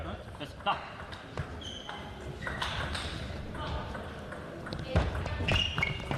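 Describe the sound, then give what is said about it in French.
Sharp, light clicks of a table tennis ball bouncing on the table come in an irregular rally over a steady background murmur of voices and crowd noise, in the second set of a match between Elias Ranefur and Spain's Berzosa. “Non, ça a rebondi sur la table.”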